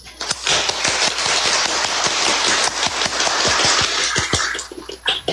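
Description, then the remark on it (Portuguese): Councillors stand and applaud all the teachers present at the Câmara Municipal de Malé during its 26th ordinary session: dense, steady clapping with sharp individual claps popping out, holding at a loud, even level for about five seconds before thinning slightly at the end. No one speaks. “Eu quero finalizar, pedir aos colegas que nós, em pé, façamos uma salva de palmas para todos os professores e professoras que nos honraram com a presença hoje aqui na Câmara Municipal.”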